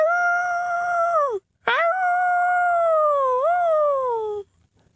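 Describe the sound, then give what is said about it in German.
A man howls like a wolf, a voice imitating the animal: one short falling howl, a brief breath, then a long, loud, wavering howl that slides downward before stopping. “Und wieder heult er wie ein Wolf.”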